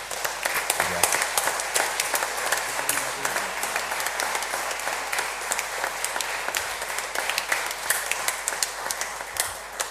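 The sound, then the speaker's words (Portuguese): A crowd applauds steadily for about ten seconds, dense overlapping claps at an even, sustained level that neither builds nor fades much, with no voices standing out; a round of applause given in gratitude to a priest. “a nossa gratidão também com uma salva de palmas.”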